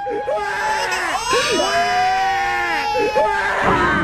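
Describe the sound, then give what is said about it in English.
A Sixers basketball fan crying loudly, with long, wavering high-pitched wails broken by short gulping sobs, set against a steady background murmur. “War Alvin adding that crying Sixers fan to the Marvin Freeman mix.”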